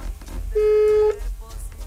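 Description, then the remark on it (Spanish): A single steady electronic beep tone, clear and sustained for about half a second, over faint background noise: a voicemail prompt tone on a phone call, after which the call is charged. “La llamada se cobrará al terminar los tonos.”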